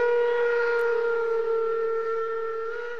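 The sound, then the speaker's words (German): A locomotive whistle sounds one long, steady, reedy blast with a rich harmonic tone, holding the same pitch for about three seconds while gradually growing fainter as the train moves away toward the tunnel between the Kaltenbach stop and Pfandler station. No voices are heard. “Die Pfiffe wurden mit zunehmender Entfernung immer leiser und verschwanden dann schließlich ganz aus meiner Wahrnehmung, als die Bahn in den zwischen der Haltestelle Kaltenbach und dem Pfandler Bahnhof gelegenen Tunnel”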